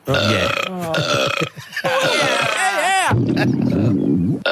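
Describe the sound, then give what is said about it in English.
A long, loud, guttural burp from a woman sitting in the crowd watching a grand final game in Lismore rumbles on continuously for several seconds, croaking and warbling in pitch, with only a brief dip before it surges again. “Watching a grand final in Lismore, my beautiful wife and I were watching a game and there was a lady sitting next to us and then she let out this massive, massive burp. It's just one continuous guttural burp.”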